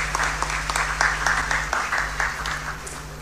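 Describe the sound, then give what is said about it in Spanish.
Steady applause from a crowd congratulating people on their birthdays, a dense patter of many hands clapping at once, sustained, with a low constant hum underneath. “Felicidades y bendiciones. Un aplauso para todos.”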